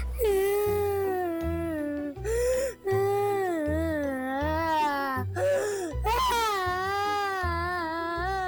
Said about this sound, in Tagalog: ba't umiiyak ka?